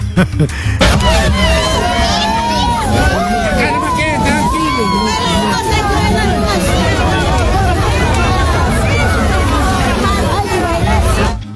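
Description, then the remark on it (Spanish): A dense, steady hubbub of many voices overlapping at a festive party in Huasicacha, loud and continuous throughout with no single speaker standing out. “Estaban en plena jarana, mira.”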